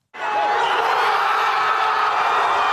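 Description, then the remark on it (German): Thousands of football fans in the fan zone on Plaza Colón in central Madrid, Spain, cheer a late goal that puts Spain into the World Cup semi-final, a dense, steady roar of many voices with shouts and whoops mixed in, starting abruptly and staying loud throughout. “Der Jubel auf der Plaza Colón kennt keine Grenzen.”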